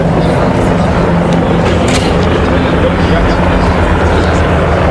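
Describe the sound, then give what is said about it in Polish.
Loud, steady rotor drone of Tiger attack helicopters, built by the Eurocopter consortium, passing overhead during an air show at an airfield, a dense continuous roar with low throbbing tones, while a man talks over the noise. “Poza tym widzieliśmy pokaz maszyn transportowych Luftwaffe, no a przed chwilą pojawiły się śmigłowce bojowe Tiger.”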